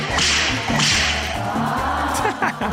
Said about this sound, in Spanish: Le voy a decir a mi compa Alexander que te calme con unos latigazos. Compa Alexander, cálmela con unos latigazos.